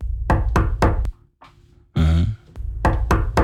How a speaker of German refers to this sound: Das ist der Herbst. Er klopft an und will rein.